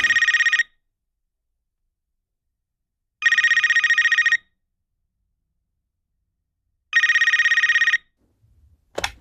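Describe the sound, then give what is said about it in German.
A telephone rings at a call-in studio in three loud, evenly spaced bursts of rapid bell trilling with silence between them, and a brief click as the call is picked up at the very end. “Da wärst du am Telefon, wie kann ich helfen?”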